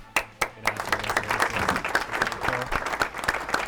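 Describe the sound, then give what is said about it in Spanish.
Applause from a small group welcoming a guest, a steady patter of claps with a few sharper, louder claps standing out at a regular beat throughout, no voices. “Un aplauso, por favor.”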